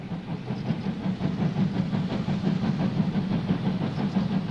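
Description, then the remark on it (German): A steam train with a rented locomotive and old Reichsbahn carriages rumbles steadily along a branch line beside the Schluchsee after leaving Seebrugg station, a continuous low mechanical roar with faint rhythmic clatter, loud throughout with no voices. “Die IG Dreiseenbahn hat noch keine eigene Dampflokomotive und muss deshalb zurzeit noch Lok und Personal anmieten, um die romantische Strecke schon jetzt regelmäßig zu befahren und so auf ihre Arbeit aufmerksam zu machen.”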